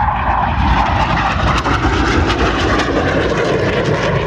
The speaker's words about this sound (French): les avions de chasse. Franchement, je ne suis pas aviateur, mais je trouve ça fascinant. Ce que l'être humain est capable de faire pour vaincre la gravité avec des avions en métal, c'est incroyable.